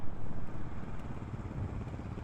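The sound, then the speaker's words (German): An off-road motorcycle, ridden by someone in an orange helmet, approaches a police traffic checkpoint. Its engine rumbles steadily, a low, throaty drone that holds roughly even in loudness for a couple of seconds with no voices over it. “Eine Geländemaschine.”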